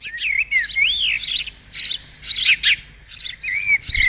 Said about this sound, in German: Alle fragen sich gerade, warum hier dieses Vogelgezwitschere läuft.